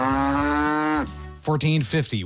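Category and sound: animal, cow mooing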